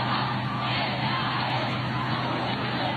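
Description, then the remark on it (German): A huge crowd of more than a million people, many of them young, cheers and chants that they are the Pope's youth at Pope Leo XIV's mass on the Plaza de Cibeles in Madrid, a dense, steady roar of many voices, loud and continuous with no single voice standing out. “Wir sind die Jugend des Papstes. Das hört man immer wieder.”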